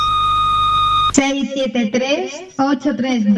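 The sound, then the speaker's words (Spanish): A steady electronic beep tone from the Rebote FM radio answering machine holds for about a second over a faint hum, then cuts off abruptly as a person begins talking. “Este es el contestador automático de Rebote FM. Deja tu mensaje al oír la señal.”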